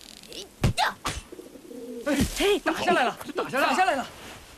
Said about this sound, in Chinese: 看哪，有只鸽子飞过来了。 这小日本经常用鸽子传情报。